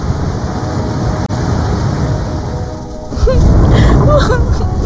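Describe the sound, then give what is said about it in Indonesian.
Rushing flash-flood water roars steadily, surging even louder partway through, with faint high cries or voices briefly rising over the torrent, as the fast-rising flood current strikes an old car with people trapped inside. “Dalam hitungan detik, arus banjir bandang datang tanpa ampun.”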